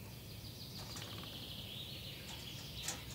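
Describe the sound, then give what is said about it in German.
Faint, thin high-pitched calls of a small blue tit that has moved into an empty eagle's nest in a tree, a few short chirps and a sustained thin note against a steady low background hiss and rumble, with no voices. “Eine kleine Blaumeise hat es bezogen.”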